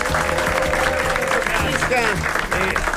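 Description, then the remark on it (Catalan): Steady, dense applause from a sizable crowd fills the whole stretch, loud, with a few cheers or voices rising briefly through the clapping. “Sisplau, un aplaudiment per tots els que necessitem untar-nos.”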